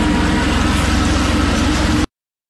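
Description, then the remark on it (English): A French helicopter over the English Channel: a loud, steady mechanical roar with a rapid low thumping of rotor blades running underneath, lasting about two seconds before cutting off abruptly. No voices are heard. “There we go, the chopper's arrived.”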